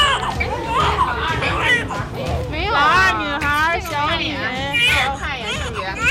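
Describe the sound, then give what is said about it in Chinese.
A newly delivered baby, the second of two, cries loudly on the operating table in a string of rising, wavering wails, while several adults, doctors, talk in the background. “令医生们高兴的是，刚出生的二宝马上发出响亮的啼哭。”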